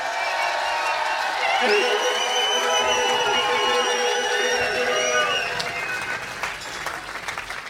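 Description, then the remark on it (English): A live concert crowd roars with cheers, whoops and high whistles over steady applause, holding loud for several seconds before easing slightly toward the end. “So make some noise if y'all having a good time tonight.”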